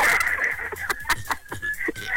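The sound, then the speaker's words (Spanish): Someone's own roosters crow and cluck, a sustained nasal cry running underneath repeated short clucks. The birds sound loud, with no talking. “Pues que digas a mis gallos.”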